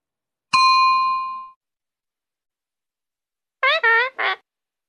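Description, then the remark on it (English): A bright ringing ding fades out, and after a pause a parrot named Polly squawks three times in quick succession, short, harsh and nasal, fairly loud, with no talking. “Wow, a parrot.”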